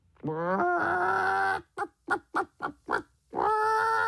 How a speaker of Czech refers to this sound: První přišla slepice.